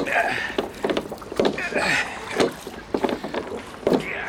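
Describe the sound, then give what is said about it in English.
Oars creak and splash in a steady, effortful rhythm as Mr. Brown strains on the oars of a small rowboat, fairly loud, with a faint wash of water and breeze in the background. “Everyone waited expectantly while Mr. Brown strained on the oars.”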